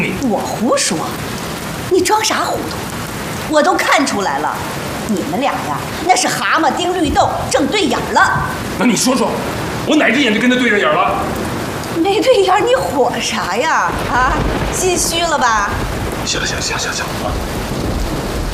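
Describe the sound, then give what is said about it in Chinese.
Heavy rain pours steadily throughout, a constant hiss beneath people talking in the foreground, with occasional low rumbles underneath. “外边天天下着大雨呢，他还病着，那你说说，你让他上哪儿去？”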